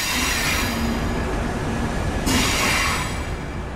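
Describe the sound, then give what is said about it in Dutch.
Steady, loud rumble of a moving train heard from inside a carriage, with constant wheel and track noise and a brief burst of brighter hiss partway through; no one speaks. “Zo, we zijn de trein op. Ja, we zitten in de trein.”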